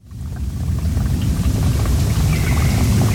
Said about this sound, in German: Im Wald oberhalb von Lenzburg plätschert ein kleines Bächchen. Das Wasser kommt von einigen Quellen weiter oben. Ein normaler Waldbach, könnte man sagen, wenn dort nicht vier Sperren wären, vier Biberdämme.